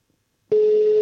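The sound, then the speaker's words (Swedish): After half a second of silence, a telephone ringing tone for an outgoing call placed by the Swedish radio show Vaken on P3 and P4 starts abruptly: a loud, steady electronic beep held unbroken to the end, with no voices. “Du ringer ju genom mig.”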